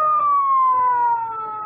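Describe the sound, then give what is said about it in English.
A loud, steady siren wail from a toaster signalling that the toast is ready, slowly sliding downward in pitch like a siren winding down, with no voices over it. “The toast is ready. Well, can I eat it now, or must I wait for the hook and ladder? What a toaster.”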